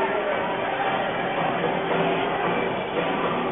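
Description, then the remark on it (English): A large hockey arena crowd at Acadia's Wednesday night home opener fills the air with a steady, dense murmur of many voices blending together, holding a constant level throughout without distinct cheers or individual words. “Really good crowd here tonight at Acadia.”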